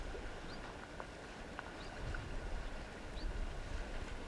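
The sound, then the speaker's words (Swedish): Gentle waves of Lake Vänern lap and slosh against the harbour edge at Lillängshamnen on Hammarö, by a sea rescue station, a soft steady wash with small irregular splashes and faint bird chirps above, unhurried with no voices. “Hoppas att ni hör det härliga kluckande ljudet och vågorna som glider in här mot Lillängshamnen på Hammarö.”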